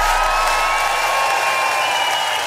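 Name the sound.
audience cheering and applauding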